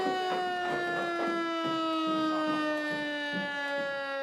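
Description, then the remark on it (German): A civil defense siren sounds its 12 o'clock noon test alarm, holding a loud, sustained wail whose rich, buzzy tone sags slowly in pitch, with faint irregular knocks and rustles underneath and no one speaking. “Ja, 12 Uhr. Pro Alarm.”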